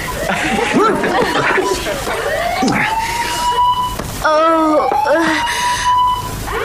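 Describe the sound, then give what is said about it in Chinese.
A burglar alarm at number 17 Robin Hood Street wails steadily with electronic tones that rise and fall in repeating sweeps, loud throughout, while people talk and chuckle underneath. “喂，是的，是的，我是报告你们罗宾汉大街十七号的警报器一直在响。”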